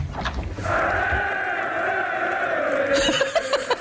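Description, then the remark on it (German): A recorded stadium crowd roars and cheers for a few seconds, a loud, sustained wash of voices with rising shouts, sounding slightly tinny. It plays from a 'Jubelkugel', a novelty small football with a light sensor that sits in a fridge and sets off the cheer when the fridge door is opened. “Also es gibt noch die Jubelkugel. Das ist mein Highlight.”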